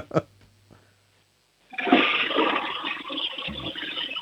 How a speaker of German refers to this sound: Möchtest du mir die Klospülung zeigen? Ja. Dann lauf mal los.